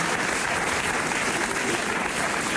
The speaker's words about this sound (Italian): Un bel applauso all'onorevole Romano Prodi.